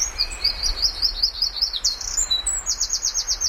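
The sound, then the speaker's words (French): A small bird sings loudly and continuously, a bright, high-pitched string of rapid trills and chirps, with a faint low rumble beneath and no talking. “Il est petit. Il a un chant qui pète.”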